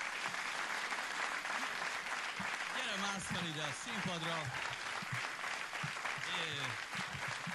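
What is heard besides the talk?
audience applause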